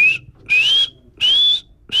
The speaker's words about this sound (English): It's also worth listening for Warrior himself. Benassi says you'd most likely hear a feeding call, which sounds something like...